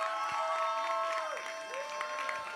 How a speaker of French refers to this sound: On applaudit.